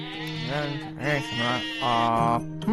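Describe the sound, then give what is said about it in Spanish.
Several sheep bleat in quick succession, wavering, nasal cries that overlap and follow one another closely, loud with no pauses of silence between them. “Si un hombre tiene 100 ovejas y una de ellas se pierde”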